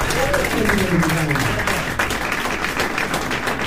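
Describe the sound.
A crowd applauds steadily after a jazz performance by a pianist on piano and a guitarist, dense clapping filling the whole stretch at a fairly loud, even level, with a voice briefly speaking over it near the start.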